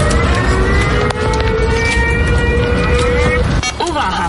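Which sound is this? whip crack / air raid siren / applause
air raid siren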